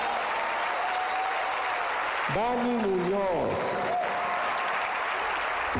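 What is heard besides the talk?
loud applause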